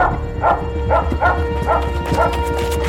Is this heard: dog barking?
yes